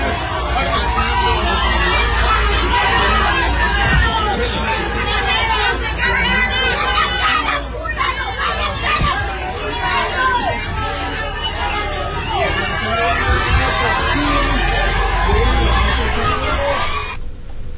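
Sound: crowd shouting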